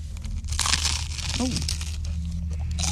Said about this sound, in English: That sounds like you're going to break your teeth. Very crunchy.